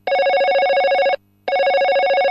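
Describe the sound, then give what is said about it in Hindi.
A telephone rings for an incoming listener call to a radio song-request program, from Vidisha, Madhya Pradesh, in two loud bursts of rapid electronic trilling, separated by a short silent gap, with no voices present. “और इस कार्यक्रम का आगाज करते हैं पहले फोन कॉल से। आइए देखते हैं हमारे कौन से श्रोता इस समय लाइन पर हैं।”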